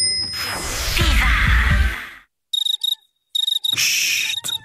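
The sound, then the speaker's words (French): After a couple of seconds of loud rushing noise, cicadas chirp in sharp, buzzy pulsing bursts that swell into a steady, shrill drone, fairly loud, with no talking. “Écoutez, vous entendez ? En juin, tout le monde, même les cigales, parle des Summer Deals Citroën.”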